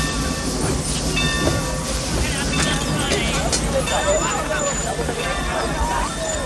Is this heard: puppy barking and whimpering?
no